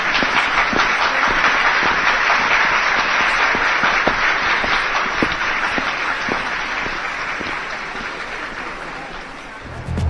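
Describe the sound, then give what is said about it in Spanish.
Sustained applause from an audience for two presenters, a dense wash of many hands clapping at a steady loudness for about ten seconds, tapering slightly near the end, with no talking. “Un aplauso, por favor.”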